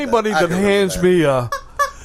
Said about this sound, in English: Anybody that hands me a squeezy... Squeaky chicken, that's nonsense if you ask me.